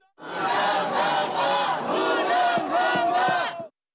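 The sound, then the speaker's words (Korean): A large crowd of protesters holding placards, Korean and US flags shouts in unison at the entrance of a polling station in Jamsil, Seoul, a loud rhythmic chant of many voices rising and falling in steady bursts for a few seconds before cutting off. “구호를 외치는 사람들 주변에서 일부 유튜버들은 방송에 열을 올리기도 합니다.”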